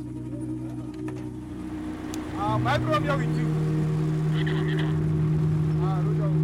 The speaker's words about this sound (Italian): Quando la strada è libera e sicura, il traffico riprende a muoversi.